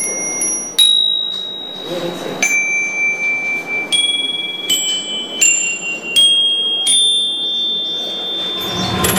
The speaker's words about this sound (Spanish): La artesanía en metal es típica de la región de Kanazawa. Antiguamente, las espadas samuráis de esta zona eran famosas. Hoy en día, las campanillas son la atracción principal.